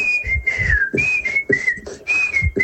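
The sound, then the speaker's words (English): A clear, tuneful whistled melody glides smoothly between a few pitches, carried over a steady thumping beat from the backing music. No one speaks. “You have a kind of a stereotype of what a whistler is.”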